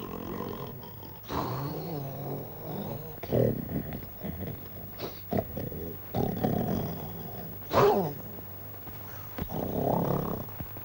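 A sleeping man snores loudly, a deep, rasping rumble repeating in slow, uneven cycles of heavy inhales and breathy exhales, with no talking.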